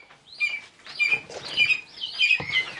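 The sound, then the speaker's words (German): Falcon chicks at the Falkenhof Potsdam calling in a run of about four high, thin, wavering cries at a steady pace, moderately loud, with a soft rustle underneath and no talking. “Sie sind wirklich zu niedlich mit ihrem fluffig zerzausten Flaum”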